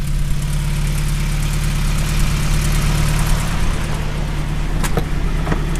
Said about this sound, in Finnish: Mikä siellä hurisee? Minkälainen kone? Kasiopuolikas. Se on niin kuin vähän tipparilun sukunen moottori, mutta tämä on Gordini. Tämä on yksi viritetty vehe.